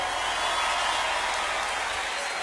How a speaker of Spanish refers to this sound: Aplaudan que se acabó.